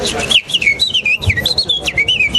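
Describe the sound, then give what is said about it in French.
A person whistles a quick, warbling imitation of a warbler's song: a continuous run of bright, rising and falling chirpy notes, fairly loud, with no talking. “Ben, en fonction de si c'est des taillis, ça va être des fauvettes.”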